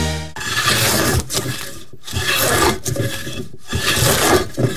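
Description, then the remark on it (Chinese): A wood carver in Sanyi rasps a carving tool steadily across wood in four long, gritty strokes separated by brief pauses, a loud, coarse scraping with no voices. “在三义从事雕刻艺术15年，喜欢的并不是听见客户对于作品的赞叹，而是听见自己专注的声音。”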